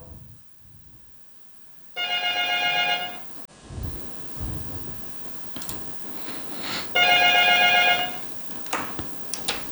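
An ordinary landline telephone rings in two long bursts of rapid bell-like trilling, loud, separated by a few seconds of quieter background noise and faint clatter.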